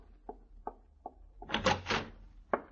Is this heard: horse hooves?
no